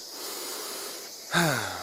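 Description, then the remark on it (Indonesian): A steady hiss of forest ambience gives way to a single loud monkey call, a harsh, harmonic cry that drops in pitch and then holds low as it fades. “Adik-adik, suara apa ya yang barusan kita dengar? Suara monyet, Kak.”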